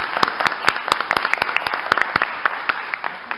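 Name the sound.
round of applause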